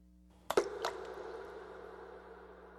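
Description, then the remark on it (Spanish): A stone drops into water with a sharp plunk and a smaller splash just after, then bubbling and rippling fade away against a quiet background hum. “La piedra que cae en el agua.”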